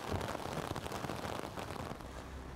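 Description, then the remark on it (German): Hail pelts down in June on a schooner sailing the Greifswalder Bodden out of Greifswald, a dense, steady drumming of countless tiny impacts, loud, continuing without pause and with no voices. “Hagel mitten im Juni im Greifswalder Bodden.”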